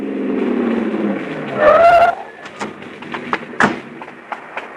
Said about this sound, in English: Look, he's moving over into the right lane. Probably going to turn. Well, we're going with him. Hang on, honey. We can't lose him. We can't. We won't. He's pulling into that parking lot.